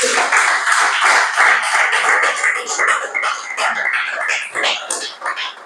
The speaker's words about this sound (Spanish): Aplauso al Señor.